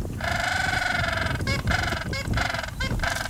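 An 80 cm Antarctic gentoo penguin, nicknamed the donkey penguin for its call, brays loudly in a harsh, donkey-like call: one long nasal blare followed by a series of rhythmic, pulsing honks, with no talking.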